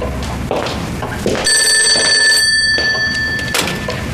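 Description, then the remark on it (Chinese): A telephone bell rings loudly and steadily with a bright metallic trill over some background shuffling. “先接个电话。”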